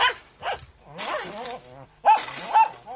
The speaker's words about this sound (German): Er hängt am Drahtzaun. Sobald jemand vorbeikommt, bellt er.